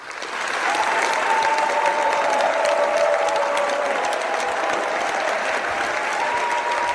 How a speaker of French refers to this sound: À la suite des plaignants, je requiers, s'il vous plaît, des calebasses d'applaudissements pour l'accusé et sa représentante.